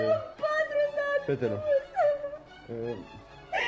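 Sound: woman whimpering and crying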